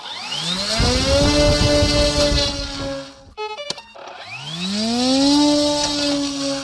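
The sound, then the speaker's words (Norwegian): Two medium-range drones that look like model airplanes and carry explosives are launched by Ukrainian soldiers on a dark summer night along the front in the war in Ukraine, each a loud, strained engine buzz like a string trimmer, rising in pitch as it revs up, with a brief clattering pause between them. “Så forsvinner de ut I mørket, dronene, som ser ut som modellfly og høres ut som kantklippere.”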